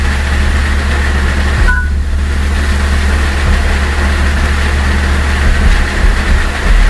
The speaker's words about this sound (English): Yeah, that little chirp you just heard, that's the iPhone in iOS 10, instead of saying screen locked, that's what they have it do now. That is the funniest noise.